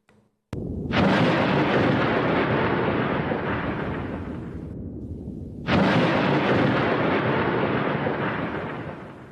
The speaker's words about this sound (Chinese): 第一关的声音密码是强弱。我们请同学们通过听辨两组雷声，辨别哪一组强弱，来获得这一关的通关密码。